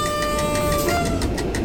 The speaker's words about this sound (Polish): No tutaj zatrąbiłem, bo zaraz za stacją jest przejazd kolejowy.